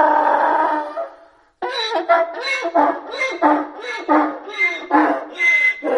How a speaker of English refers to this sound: A donkey.